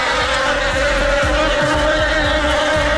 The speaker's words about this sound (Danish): Åh nej, vipse eller bier, jeg kan ikke helt huske, hvad der er hvad, men det er nok den værste frygt i mit liv overhovedet.